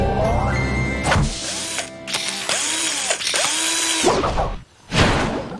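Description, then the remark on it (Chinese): A power tool whirs in short bursts, the motor rising and falling in pitch with ratcheting clicks between runs, as a tire is being changed on a vehicle. “太好了，灰灰，现在该换轮胎了。”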